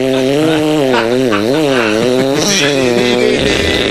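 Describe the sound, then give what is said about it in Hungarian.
A voice imitates a saw with a loud, continuous buzzing drone whose pitch rises and falls in rhythmic back-and-forth waves, like a blade being pushed and pulled, for about four seconds. “mutatom a fűrész hangot, figyeld?”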